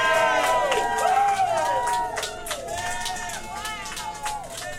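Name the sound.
applause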